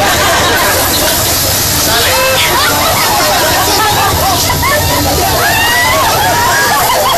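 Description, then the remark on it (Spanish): A steady, loud hiss of water spraying from a high-pressure water jet continues throughout, while a lively crowd chatters and calls out underneath it. A priest is using the jet to spray holy water over the people attending a mass held in the street. “Ya les va el chorro de agua, ¿cómo que no?”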